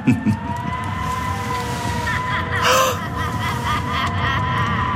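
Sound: wind howling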